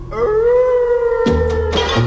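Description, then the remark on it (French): Dogs howl in a long, sustained wail, the pitch holding steady before other howls and yelps join in toward the end, loud with no talking. “Au moindre coup dans une armoire, on entend claquer les mâchoires et les chiens hurlent à la mort.”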